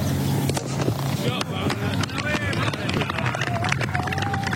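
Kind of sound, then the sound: ambience, village cricket match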